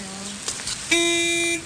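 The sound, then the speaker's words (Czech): A car horn gives one loud, steady honk lasting just over half a second, preceded by a fainter, lower tone and a couple of brief clicks. “Klaxon troubí.”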